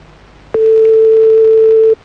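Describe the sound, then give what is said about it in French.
A single loud, steady telephone ringing tone, a flat mid-pitched beep lasting about a second and a half, heard on its own while a phone call back to a friend's girlfriend is placed. “On rappelle ta meuf, hein.”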